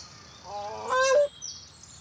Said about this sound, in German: Sie steht da drauf auf dem Nest, schreit und macht die Flügel nachher auch wahrscheinlich breit, wenn ich wieder rankomme. Ja, schrei du, Mann.